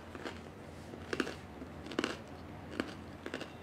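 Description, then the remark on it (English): Quiet crunching as someone bites into crusty bread, a handful of sharp crackly bites scattered irregularly over a few seconds with no talking. “Oh, well, the bread is crunchy.”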